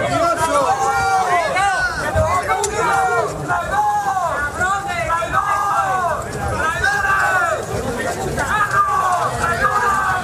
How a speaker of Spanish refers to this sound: Este era el recibimiento entre gritos e insultos.